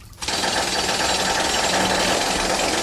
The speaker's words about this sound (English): You really think this is the right tool for the job, Harry? I mean, where do you get a jackhammer at 2:30 in the morning?